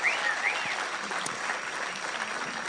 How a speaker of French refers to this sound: Donc je voudrais à nouveau qu'on leur fasse un tonnerre d'applaudissements. Merci beaucoup.